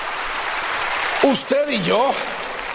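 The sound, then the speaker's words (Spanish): An audience claps steadily for King Jesus Christ, a dense wash of applause, while a few voices call out briefly over it partway through. “Al Rey Jesucristo, dele ese aplauso a nuestro Rey poderoso Jesucristo.”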